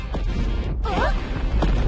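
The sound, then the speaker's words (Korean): A volcano erupting: a continuous loud, deep roar with heavy rumbling, crashing bursts and a brief swirling, whistling sweep midway, filling the whole stretch without pause. “어, 이런, 화산이 폭발하고 있어?”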